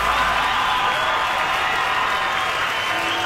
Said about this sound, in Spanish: Gracias, muy amables, por los aplausos a toda la gente que se ocupa esta tarde.